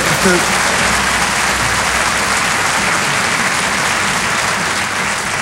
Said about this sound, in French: Applaudissez pas trop, ils vont couper chez vous, hein?